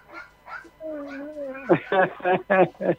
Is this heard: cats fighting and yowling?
yes